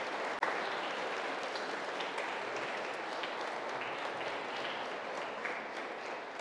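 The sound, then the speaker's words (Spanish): A church audience applauds steadily, a dense wash of many hands clapping at an even level throughout, with no voices standing out above it, applauding the catechists of children who received their first communion. “También un aplauso a sus catequistas.”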